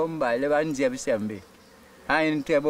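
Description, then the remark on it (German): A voice imitates bees buzzing with two voiced "bzz" sounds, each a steady droning hum with a hissing edge, separated by a short pause. “Wir lauschen ihrem Summen, bzz, bzz”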